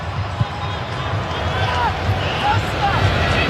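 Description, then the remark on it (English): A stadium crowd at an Egypt football match cheers in a steady, dense roar, on their feet as Mo Salah collects possession, with scattered higher whistles and shouts rising briefly above the wash of noise throughout. “Crowd on their feet as soon as the Egyptian king collects possession.”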